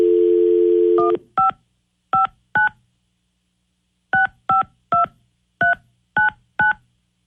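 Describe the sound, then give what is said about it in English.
A steady dial tone cuts off, then a phone keypad beeps out a number on air at radio station 102.5 KDON: ten short dual-pitched tones in two quick clusters with a brief pause between, loud with no talking. “Now we got to get Scotty on the phone.”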